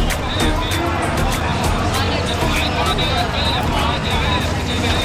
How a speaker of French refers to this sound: Au cœur du tumulte de la foule qui se presse dans les commerces, des taxis et tuk-tuk qui se faufilent dans la circulation chaotique, il est presque difficile de lever les yeux.